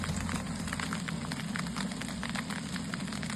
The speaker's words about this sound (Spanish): Es el sonido del granizo del tamaño de pelotas de golf que ayer por la tarde cayó en Casas Bajas.